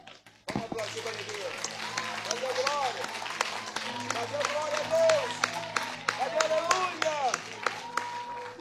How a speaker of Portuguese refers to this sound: Eu vou pedir que em especial, eu vou aplaudir, e queria que a Nave também aplaudisse essa palavra que foi lida nesta manhã.